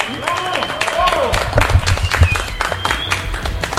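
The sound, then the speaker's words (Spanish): A crowd applauds the race runners at a medal ceremony with dense, continuous clapping that stays loud throughout, while a man's voice calls out over the start of it. “Un aplauso, venga, ese gran aplauso para todos.”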